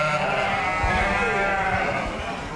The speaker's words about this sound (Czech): Holky a kluci, to přece víme, tak pozor, 3, 2, 1, ovečky. Jsou krásné, pasou se tady a pomalu okusují kytičky.